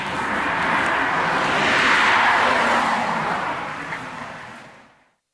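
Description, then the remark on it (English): A single car passes on a road at 5 a.m. at daybreak in the outback as morning traffic gets going, its broad tyre-and-engine whoosh swelling to a peak and then fading away to silence over a few seconds. “Traffic gets going and the song of the Pied Butcher Bird fades away.”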